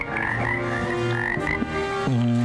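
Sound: frogs croaking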